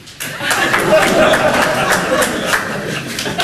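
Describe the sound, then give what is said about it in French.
A burst of audience applause starts almost immediately and holds steady for a few seconds, dense scattered clapping from a crowd with some murmuring and chuckling mixed in. “Du coup, par applaudissement, est-ce qu'il y a des gens ce soir qui ne supportent pas les petites blagues racistes?”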